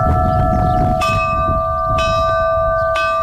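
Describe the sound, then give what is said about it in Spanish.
Church bells ring loudly, struck about once per second in a steady rhythm, each stroke leaving long shimmering overtones over a low rumbling background; bell peals created by the Navarre bell-ringers' association to mark a solar eclipse at the Lerín observation point, Navarre, Spain. “Campanas que tendrán hoy un papel especial en el eclipse.”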